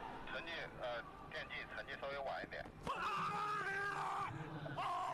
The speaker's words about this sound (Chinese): 一声怒吼，哎，就是这一下，今天的第一枪越过75米线的。